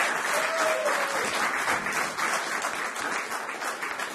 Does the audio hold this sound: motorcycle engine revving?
no